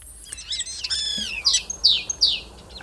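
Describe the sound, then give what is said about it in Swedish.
A common starling sings a varied string of whistles, sliding tones and three rapid bright chirping bursts, clear with no voices, mimicking other species such as greenshank, crane, fox, common snipe, magpie and yellowhammer. “lyssna på vad du och Mats Ottosson hör för andra djur här när, som staren härmar”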